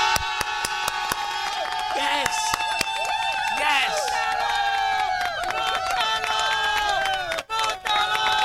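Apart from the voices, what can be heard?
crowd applause and cheering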